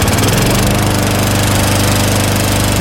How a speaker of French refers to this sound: Quand notre winneuse, elle a décidé de sortir sa tondeuse pour la laisser tourner pendant presque une heure collée à la clôture. Sans tondre, hein, évidemment, juste pour entendre ceci.